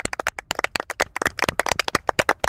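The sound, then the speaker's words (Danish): Hands clapping in a quick, uneven burst of many sharp claps, like a small group or a couple of people applauding together for a couple of seconds, with a host clapping along from a studio. “Ja, jeg klapper altså også med herhjemme fra studiet.”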